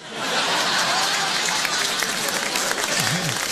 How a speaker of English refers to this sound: You guys are so generous with the applause, man.